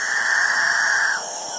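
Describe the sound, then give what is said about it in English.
A dawn chorus of male capuchinbirds in the Guyanan jungle of South America: a long, drawn-out moaning call holds steady for about a second, then cuts off, leaving a hissing wash of forest insects and other birds. “It's the dawn chorus of male capuchin birds, one of the most bizarre members of one of the most bizarre bird families in South America, the catingas.”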